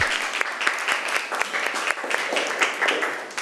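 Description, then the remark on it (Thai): A group of students in a class applauds group 3 for its presentation on conserving Thai culture, many hands clapping in a dense, steady patter that holds at an even level for a few seconds, with no voices over it. “นักเรียนขอชื่นชมนะคะเก่งมากเลยค่ะนักเรียนปรบมือให้กลุ่มที่3หน่อย”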